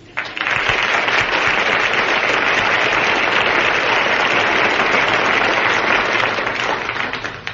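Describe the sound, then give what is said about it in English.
A dense, steady burst of many hands clapping together, loud and continuous for several seconds like a crowd's applause, with no voices, tapering slightly at the end. “You've got to clap your hands all together.”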